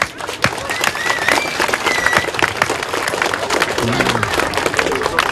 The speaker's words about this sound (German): Damit nochmal einen riesengroßen Applaus an euch alle.